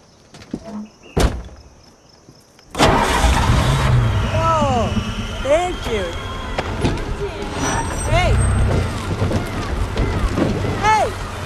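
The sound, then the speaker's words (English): After a click or two in near silence, a car engine turns over and catches, settling into a steady loud idle rumble while voices talk over it. “Try the engine.”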